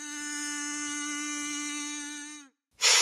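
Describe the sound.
A comb is buzzed to imitate the queen's heralds' fanfare in a recorded fairy-tale play: a reedy, nasal note held steady for about two and a half seconds, then cut off. A short breathy hiss follows after a brief silence.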